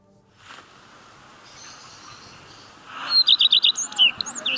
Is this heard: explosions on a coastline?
no